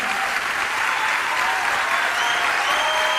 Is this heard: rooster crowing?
no